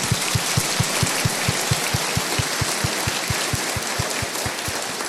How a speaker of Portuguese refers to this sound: Então, quero pedir de vocês uma salva de palmas para eles.